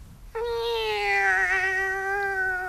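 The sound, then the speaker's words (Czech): A single long, plaintive cat meow, drawn out and slightly falling in pitch, clear with no talking. “Jednou se vracel s nákupem z trhu a poblíž domu zaslechl žalostné mňoukání.”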